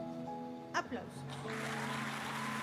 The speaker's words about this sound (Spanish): Aplausos.